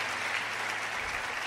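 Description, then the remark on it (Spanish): A crowd claps steadily in praise of the Lord, a dense, continuous wash of many hands applauding at a fairly loud level with no break and no voices on top. “Dale un aplauso al que está cerca, al que está allá arriba en los cielos.”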